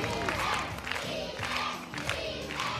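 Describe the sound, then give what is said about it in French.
A crowd cheers loudly and chants in a steady repeated rhythm, the voices dense, with rising bursts of shouting about every half second to second, as candidates parade before the jury at the Miss and Mister Maison de Retraite retirement-home pageant. “Chacun leur tour, les candidats défilent ainsi devant le jury et la foule en délire.”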